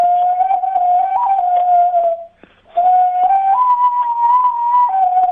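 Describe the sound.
A tinamou (jaó) call blown on a bird whistle: two long, steady, reedy tones that step slightly up and down in pitch, split by a short pause. Loud, with no talking.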